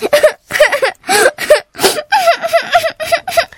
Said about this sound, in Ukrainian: Сестричко, ти чого плачеш? Знову отримала 9? Не журись, до кінця року ще встигнеш виправити.